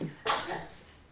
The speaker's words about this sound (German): Gesundheit! Es geht ihm gut. Naja, bloß weil er einmal niest, ist er noch lange nicht sterbenskrank.